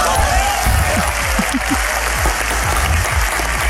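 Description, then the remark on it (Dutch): Sustained applause from a large crowd of D66 party members in a hall, dense and steady clapping for the whole stretch, with faint murmurs of voices beneath it. “Nee, want het is een oproep tot geweld die onder D66'ers in de zaal applaus kreeg. Je hoort het”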